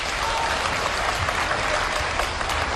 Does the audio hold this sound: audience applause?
yes